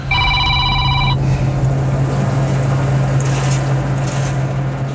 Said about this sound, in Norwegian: Oi, nå ringer det igjen her.